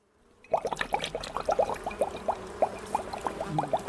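A beekeeper pours a greenish, stinking liquid into a sprayer, meant for a wasp nest in a garden wall, with a gurgling, glugging flow, quick bubbly pulses repeating steadily for several seconds after a sudden start, moderately loud, with no voices.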